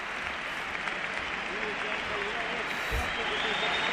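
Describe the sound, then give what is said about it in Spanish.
A large football crowd at San Mamés stadium applauds Iago as he enters the pitch, a steady, dense wash of clapping that holds at an even, fairly loud level throughout, with a faint voice audible underneath. “Este aplauso que escoitáise para Iago, na entrada ao campo.”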